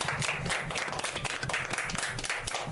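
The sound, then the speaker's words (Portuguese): A crowd applauds a girl after she sings a song, many hands clapping in a dense, continuous patter that stays fairly even in loudness for a few seconds. “Levanta pra ter os pés. Até bater as mãos. Palmas pra ela.”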